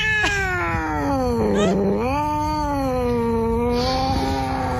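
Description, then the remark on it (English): A cat lets out one long, drawn-out angry yowl, rising and dipping in pitch as it wavers on for several seconds, fairly loud with no talking over it. “Yeah, that cat was mad.”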